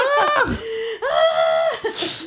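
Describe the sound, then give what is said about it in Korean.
On a live radio show, someone imitates a peacock's call with two loud, shrill, nasal wails separated by a short pause: the first slides downward, the second swoops up and holds a high, strained note. “어 잠깐 공작새 소리.”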